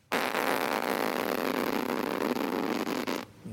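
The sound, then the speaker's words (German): A voice imitates a plastic tent zipper at a campsite being pulled: one continuous, raspy buzzing sound lasting about three seconds, steady and fairly loud, ending abruptly. “Das war der Reißverschluss auf dem Campingplatz.”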